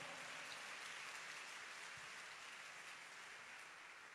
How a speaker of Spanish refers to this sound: Dele fuerte el aplauso al Señor.